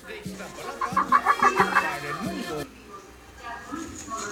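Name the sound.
hen clucking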